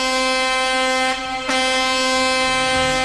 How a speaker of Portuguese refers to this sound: Buzina pra mim! Alô, taxistas! Caminhoneiros, caçambeiros e carreteiros!